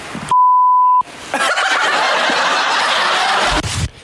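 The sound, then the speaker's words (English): A loud, steady censor bleep covering a word cuts in for under a second, followed by bursts of snickering laughter from a few people. “what is the beeped out word for 100?”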